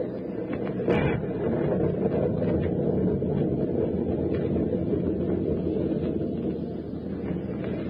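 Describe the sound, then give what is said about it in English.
Storm wind and waves roar in a steady, heavy rumble for the whole stretch, with one brief sharp crack early on and no voices. “Well, the storm seems to be subsiding somewhat, sir.”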